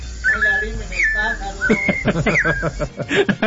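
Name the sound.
birds chirping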